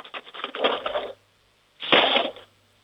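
A jangly metallic clatter of a handful of small spoons taken from a cutlery drawer and dropped back into it, a dense rattling burst of about a second, a short pause, then a second, louder clattering burst. Fairly loud.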